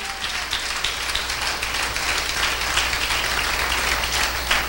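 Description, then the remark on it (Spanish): An audience claps hands together as an offering of applause to the Lord: sustained, dense applause, a steady wash of many overlapping claps at an even loudness with no voices standing out. “Una buena ofrenda de palmas al Señor.”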